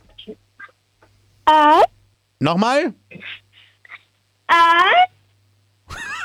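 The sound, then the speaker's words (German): A 10-year-old girl from Styria, Austria, at Radinos Minidisco, imitates a wolf on request, giving several short, loud howls with wavering, sliding pitch, separated by pauses, and briefly speaks between them. “Und zwar hätte ich gerne, dass du mal heulst wie ein Wolf.”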